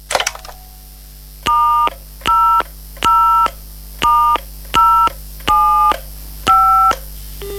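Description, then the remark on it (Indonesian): Seven short electronic keypad tones sound one after another at a steady pace, each a clean two-pitch beep of a telephone being dialed to make a call, clear with no voices. “Ah, aku telepon Julia aja lah.”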